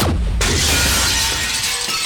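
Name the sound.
glass shattering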